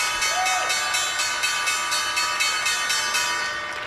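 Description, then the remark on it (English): The Wall Street opening bell rings loudly and continuously, a bright metallic clanging with steady, rapid strikes about three per second, with no talking over it. “Right, we are about a second or two away from the opening bell on Wall Street.”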